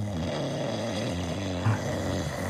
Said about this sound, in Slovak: Nemohli by ste chrápať tichšie, bračekovci?